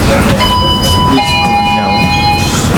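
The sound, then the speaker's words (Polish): A tram at the MPK depot in Kraków, Poland, releases its brakes and slowly, smoothly starts moving: steady electric motor whine with several high tones that shift in pitch partway through, over a continuous low rumble, heard from inside the tram. “Puściły hamulce, okay. Spokojnie, powoli nam płynnie rusza.”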